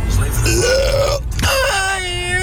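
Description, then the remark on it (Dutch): A long, loud burp sent as a listener's audio message and played on the radio, with a rumbling, croaky tone that rises and shifts pitch, briefly breaking off before a second drawn-out belch. “Gewoon een boer laten op de radio, ja.”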